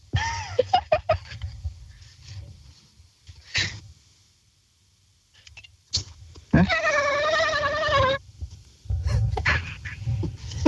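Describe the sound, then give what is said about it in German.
A person imitates a dolphin, given about three seconds to come up with its sound, with one high, warbling squeal of about a second and a half, wavering rapidly in pitch, after some scattered clicks and breathy mouth noises. “Okay, du hast ungefähr 3 Sekunden Zeit, um dir einen Delfin zu überlegen, wie der klingt.”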